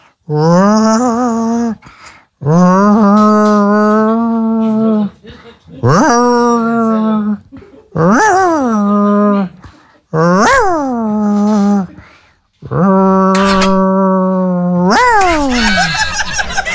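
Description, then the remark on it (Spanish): A small dog named Romeo howls and whimpers in a series of about six drawn-out, wavering cries with short pauses between them, loud, with no other sounds around. “Ese perrito Romeo.”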